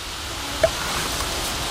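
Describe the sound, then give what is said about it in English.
A single sharp, hollow tongue click from an animal, the sound a male makes when approaching a female, pops out briefly over a steady background hiss, with no voices. “This is tongue clicking.”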